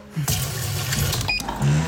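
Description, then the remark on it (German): Water pours steadily into a coffee machine's empty water tank for about two seconds, a continuous rushing splash with a low hum underneath and a brief high tone near the end. “Wassertank leer.”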